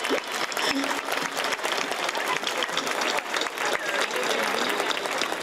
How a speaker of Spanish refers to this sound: antes de empezar, un aplauso para mi madre, que lo ha hecho muy bien, ¿eh?